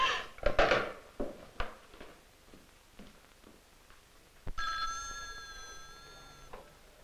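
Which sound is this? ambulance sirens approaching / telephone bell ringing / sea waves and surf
telephone bell ringing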